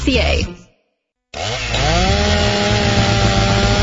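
A Steel MS-291 16-inch gas chainsaw gives a short burst, falls silent briefly, then roars back loudly, its engine pitch dipping and settling into a steady, buzzing drone as it bites into wood.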